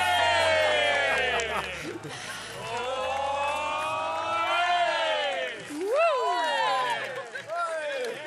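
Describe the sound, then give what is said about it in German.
A studio audience cheers and shouts loudly and continuously, with excited whoops rising and falling, celebrating the end of the evening at a summer party, a lively celebration that stays loud for the whole stretch. “Und also hier wird sich gefreut. Und wir freuen uns noch ein bisschen mit. Wir feiern noch diesen Abend.”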